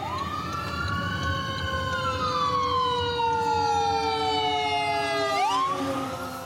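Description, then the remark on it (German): A loud emergency vehicle siren, approaching from behind, wails with a slowly falling pitch, then sweeps back up near the end, over a steady low rumble of road traffic, heard from a car on the road along the US West Coast toward Los Angeles. No one speaks. “Der kommt von hinten. Fahren wir mal rechts beiseite, links beiseite und bremsen mal etwas.”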